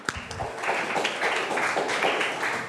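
A group of people clapping together in a room, a steady burst of applause from many hands that stays fairly loud and even throughout, with no talking over it.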